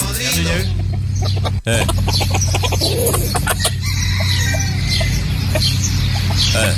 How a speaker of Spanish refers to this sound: No, pues, enseñándome bien la diferencia del gallo tradicional y del gallo paloma.